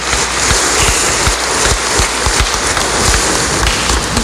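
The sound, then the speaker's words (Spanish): A steady burst of applause for a seminarian being introduced: dense, crackling clapping from many hands that holds at an even, fairly loud level for a few seconds, with no voices over it. “Le damos también un fuerte aplauso.”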